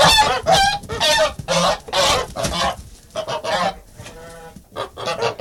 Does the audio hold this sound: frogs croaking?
no